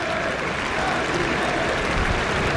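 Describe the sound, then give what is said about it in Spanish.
A large football stadium crowd claps steadily during a match, a dense, continuous wash of applause with no single voice standing out. “No sé qué aplaudirá.”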